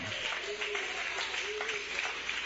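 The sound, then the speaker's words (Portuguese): A church audience claps to give glory to God in a dense, steady wash of applause that stays even throughout, with a raised voice faintly carrying over the clapping. “Bate palmas, dai glórias ao nome dele.”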